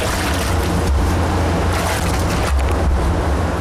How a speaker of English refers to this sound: She leans over one of the tanks, stirring with a long pole. The Moromi inside looks like thin, milky porridge, bubbling gently from fermentation.